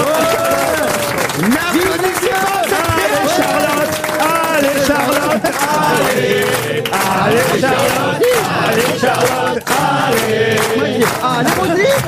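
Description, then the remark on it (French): A large audience claps and cheers loudly and continuously, many voices shouting and whooping over dense applause that stays at full intensity for the whole stretch. “N'applaudissez pas.”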